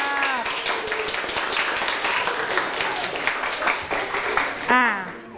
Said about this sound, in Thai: ปรบมือให้เพื่อนหน่อยนะคะ